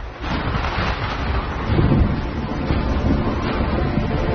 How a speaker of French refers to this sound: Pour l'heure, ce ne sont pas les Indiens, mais un vent violent et une pluie battante qui entravent la progression de l'expédition.